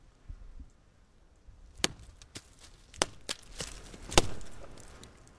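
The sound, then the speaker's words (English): Several sharp wooden knocks struck against a tree trunk in the woods as a tree-knock call, spaced irregularly over a few seconds, with the last one loudest, over faint wind rumble on a windy day. “a tree knock. It's a type of call and response from hitting a tree.”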